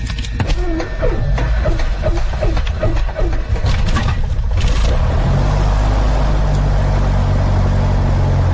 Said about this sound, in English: fastening my seatbelt. Throttle is set. Fuel pressure is fine. Okay, now we're going to start the engine. All clear.